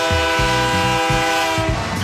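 A loud, sustained train horn blares for about two seconds, its steady chord held over a low rumbling, rhythmic clatter of rolling rail cars, with no voices.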